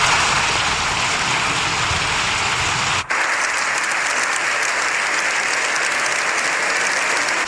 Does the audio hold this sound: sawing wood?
no